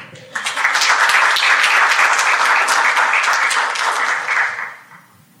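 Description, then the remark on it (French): A crowd bursts into sustained applause as their president is called up, a dense wash of many hands clapping at full volume for about four seconds before tapering off quickly. “J'appelle à présent sous vos applaudissements notre président”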